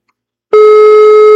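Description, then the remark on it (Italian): After a moment of silence, a loud, steady telephone ringing tone begins on an outgoing call to a book publisher during a live broadcast, a single unbroken electronic hum held until the end with no voices. “Lo sentiamo in diretto subito? Sì. Vediamo un po'. Sì, lo sentiamo. Squilla.”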